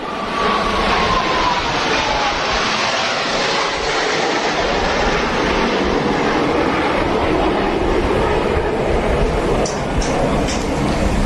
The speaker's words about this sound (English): and I'll stop yammering here for a moment as we watch those planes fly by. This is pretty amazing, just how low they are to the water. You can hear the crowd cheering as well.